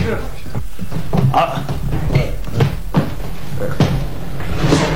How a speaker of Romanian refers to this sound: Iaca, au zăvorât și ușa după noi.